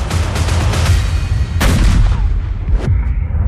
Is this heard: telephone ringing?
no